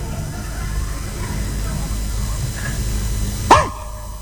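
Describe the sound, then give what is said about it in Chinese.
A person gives a single sharp, loud imitation of a dog's bark near the end, after a stretch of low background murmur. “这狗都告诉你了，你听不懂我们狗这路语言”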